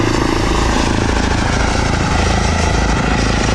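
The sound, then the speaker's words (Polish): An electric airplane's propeller drones steadily overhead, a loud, continuous whirring hum with a faint rhythmic flutter, and no voices. “No w porównaniu do helikoptera jest mega cichy.”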